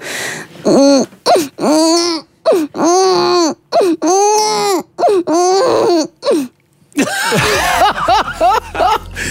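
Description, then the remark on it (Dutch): A person imitates a crying baby live on radio with a run of rising and falling wails in short bursts, loud, ending in a rougher, breathier stretch of sobbing. “Jij kan een baby imiteren.”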